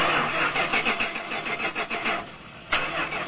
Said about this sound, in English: Oh, this is so frustrating. That's the fifth time this car refused to start. I think it's finally time to replace it.